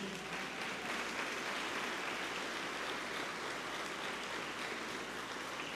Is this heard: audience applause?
yes